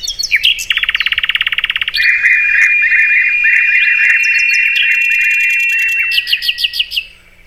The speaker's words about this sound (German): Müssen Sie aber weilen, gibt es nicht mehr so wahnsinnig lange zu hören, denn der muss ja weit nach Südafrika, dann fliegt er auch schon Ende August, Anfang September sind die weg. Ja. Der Vogel der Woche, der Sprosser.